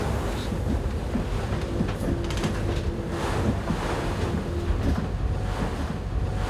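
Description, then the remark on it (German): A boat's engine rumbles steadily beneath the constant wash and slap of waves against the hull as the boat picks up speed running against the sea at night, a searchlight trained on the water, with gusts of wind buffeting the microphone throughout. “So, jetzt wird es gleich wieder ein bisschen ruppig, weil wir Fahrt aufnehmen, gegen die See laufen.”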